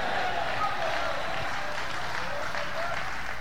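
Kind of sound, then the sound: crowd, audience clapping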